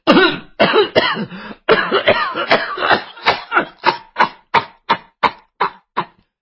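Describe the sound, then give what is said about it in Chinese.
A performer's voice imitates an old woman's coughing fit: a run of harsh, raspy coughs, dense at first, then breaking into sharper, evenly spaced hacks that fade as the fit winds down. “老太太说到这里就开始咳嗽。”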